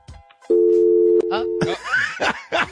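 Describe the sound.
A loud, steady telephone line tone hums for just over a second during an attempt to add a woman to a three-way call, then cuts off as people start talking and laughing over the line.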